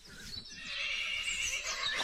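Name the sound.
horse neighing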